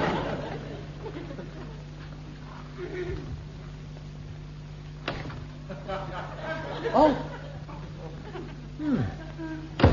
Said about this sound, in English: I could have sworn that door opened the other way.